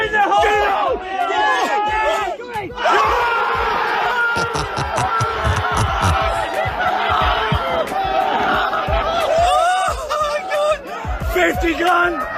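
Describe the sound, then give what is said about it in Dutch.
A crowd erupts in loud, excited shouting and cheering after a golfer's hole-in-one at a golf club's annual members' competition with a 50,000-pound prize, many voices overlapping in whoops and yells that stay dense and energetic for the whole stretch, with a brief dip before surging again. “Ja, je hoort het zo roepen, hè? 50 grand.”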